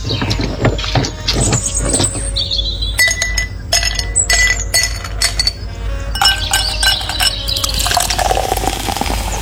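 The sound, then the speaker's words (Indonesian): Iced sugarcane juice pours into a glass amid repeated bright clinks, with ice or glass chiming throughout and a splashing, fizzy wash building toward the end. “satu gelas yang manis ya, semanis kamu.”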